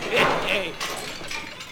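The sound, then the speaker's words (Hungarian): A glass preserving jar shatters with a bright, crashing burst, followed by scattered tinkling fragments settling over a second or so, with a voice murmuring faintly underneath. “Esebefőtes üveg volt,”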